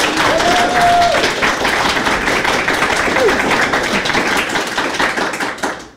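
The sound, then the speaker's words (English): An audience at a reading night applauds the final reader loudly and steadily for about six seconds, a dense crackle of many hands clapping, with a brief whoop rising above it before the clapping tapers off. “Everybody clap for Candace with a K.”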